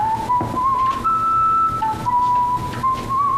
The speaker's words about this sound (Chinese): 这大冷天的在街上吹口哨，不有病吗？但你别说啊，吹的还挺好听。